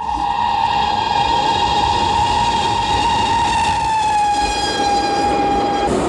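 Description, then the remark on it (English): A speeding train roars along with a loud, continuous rattling rumble, while a steady high whistle-like tone rings over it for the full six seconds. No one speaks. “It was as though she were willing me to open the carriage door of the speeding train and hurl myself out.”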